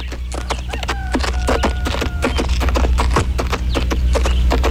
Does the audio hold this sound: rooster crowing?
no